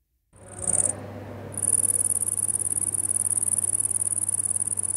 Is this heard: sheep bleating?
no